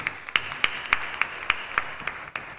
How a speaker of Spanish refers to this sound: Felicitaciones a la cumpleañera. Un aplauso para nuestra cumpleañera.